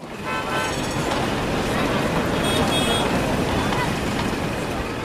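A dense, steady wash of noise from a busy street across from a railway station, with indistinct murmur of a crowd of hurrying people and passing traffic, a few car horns sounding through the din, loud throughout.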